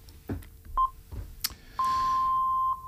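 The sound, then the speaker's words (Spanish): Radio time signal pips marking 12:30 a.m.: a couple of short, clear electronic beeps followed by a longer sustained tone of the same pitch, crisp and fairly loud, with only faint background hum. “te voy a poner cuando suenen los pitidos, las 12:30 en punto de la madrugada.”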